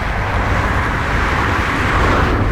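A bus from Mozirje rumbles steadily as it pulls into its final stop in Maribor, its engine drone and road noise loud and continuous, with no voices.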